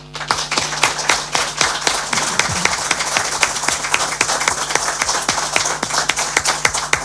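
Sustained applause from an audience, a dense wash of many hands clapping at a steady level with a few sharper individual claps standing out, and no talking over it.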